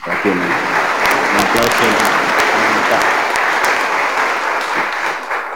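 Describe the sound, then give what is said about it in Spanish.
A crowd applauds steadily and loudly for several seconds, a dense wash of clapping with a few sharp claps standing out, and voices can be heard beneath it. “Agradezco también infinitamente a todos los varios comunidades, sectores que durante estos días damos un aplauso más.”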